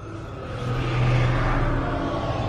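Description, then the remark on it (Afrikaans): A deep, rolling rumble of thunder outside swells after a moment and holds steady, a heavy low growl filling the background with no voices. “En buite grom die donder weer.”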